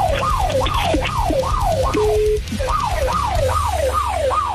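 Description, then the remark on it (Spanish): A loud alarm siren comes over a phone line on speakerphone, sweeping rapidly up and down in repeated wailing cycles, breaking briefly midway before resuming, over a low rumbling background noise. “A ver, es que sí, suele escuchar la alarma de la circunstancia.”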